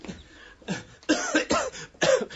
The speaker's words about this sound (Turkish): Çok fenayım. Bir haftadır devamlı öksürüyorum. Gece demiyor, gündüz demiyor. Öksürüp duruyorum.